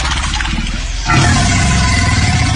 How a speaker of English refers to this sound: This was face to face with an alligator. It sounds like a friggin' dinosaur.